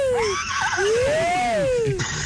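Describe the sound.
A person imitates a horse's neigh on a call-in show of the radio station Tropicana, with a loud, wavering whinny of about two seconds, the voice sliding up and then back down over faint background noise.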